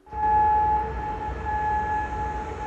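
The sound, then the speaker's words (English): A steady, sustained air raid siren drones on a single high tone over a broad wash of outdoor city noise in Kuwait City, holding fairly constant throughout, sounding as military air defences intercept missile and drone attacks. “Well, sirens sounded across Kuwait City as the military's air defences intercepted the missile and drone attacks.”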